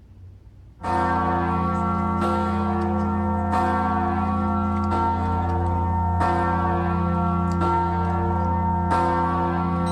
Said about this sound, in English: In better news, the Czech people recently had a new 9,801-pound bell cast to commemorate the ones that were stolen. And this past summer, it was rung for the first time. Here's what it sounded like.